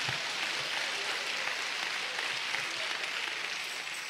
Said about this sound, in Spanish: Dale un aplauso a Cristo, hermano.